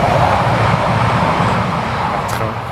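A train rumbles past right next to a camp, a steady, loud low roar with rattling undertones that holds for the whole stretch, easing only slightly toward the end. No voices are heard.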